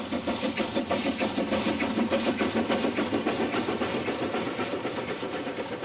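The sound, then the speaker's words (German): A steam locomotive of the Brohltalbahn chugs slowly toward Niederzissen at its permitted top speed of 15 km/h, its steady, rhythmic puffs of exhaust repeating evenly over a continuous mechanical rumble, loud and with no voices. “Mit der erlaubten Höchstgeschwindigkeit von 15 km pro Stunde schnauft die Dampflokomotive Niederzissen entgegen.”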